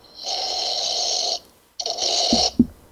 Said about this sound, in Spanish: Les digo hoy, iniciando la semana, salud con un sorbito de café Manavita.